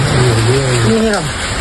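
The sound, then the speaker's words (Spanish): A dense, steady roar of a heavy rain and hail downpour on a Sunday in the provinces of Cuenca and Albacete, continuous throughout, with a person's voice briefly audible over the downpour. “Y es que este domingo la tromba de agua en granizo ha dejado daños en numerosos puntos de la provincia de Cuenca y Albacete.”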